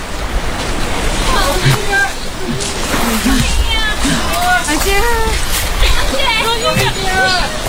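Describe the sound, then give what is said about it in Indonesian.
Waves crash and slosh against a beach while a crowd of voices shouts and calls out over the steady roar of surf, with splashing as Rohingya refugees hurry off a boat and jump into the water, seeking help from the many residents on the beach in Aceh. “Para pengungsi buru-buru turun dari kapal, berloncatan ke air, dan mengharap bantuan warga yang ramai di pantai.”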